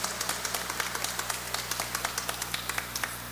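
An audience at a baptism applauds the girl being baptized and her parents, with steady, even clapping that holds a quick rhythm for a few seconds. The claps are moderately loud over a low, constant hum, and nobody speaks.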